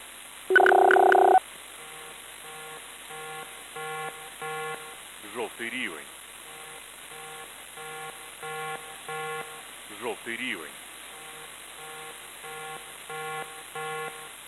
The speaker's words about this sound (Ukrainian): Увага, увага! Прослухайте повідомлення Управління цивільного захисту Полтавської обласної військової адміністрації. Громадяни, повітряна тривога, повітряна тривога. Відключіть електроприлади, перекрийте газ, воду.